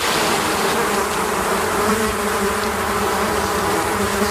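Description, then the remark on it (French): A dense, steady drone of many honeybees kept by a beekeeper in Bizet-Minervois, in the Aude, France, buzzing in a continuous swarm-like hum with shimmering overtones and no voices. “ses abeilles, puisqu'il est apiculteur dans l'Aude, à Bizet-Minervois.”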